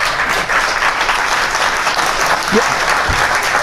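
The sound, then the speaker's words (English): An audience in New York applauds guest Shannon Bream, a dense, steady wash of many hands clapping at constant loudness, with a faint voice or cheer briefly surfacing near the end. “That applause took a minute.”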